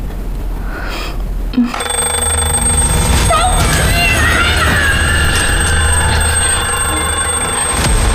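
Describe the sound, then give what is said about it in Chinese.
An alarm clock set for the landlord's night shift rings loudly and without pause, a steady, shrill metallic ringing that starts after a brief quiet moment and carries on to the end. “是房东上夜班时的闹铃，不是孤儿院虐待我们时的铃声。”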